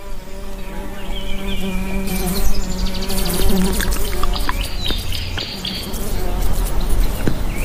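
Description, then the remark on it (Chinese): Several flies buzz steadily around East African baboon dung, where rainbow agama lizards gather to catch them; a droning hum continuous throughout, with faint chirps and rustling outdoor sounds in the background. “东非狒狒的粪便也给彩虹飞蜥带来了一些好处，它们聚集过来捕食苍蝇。”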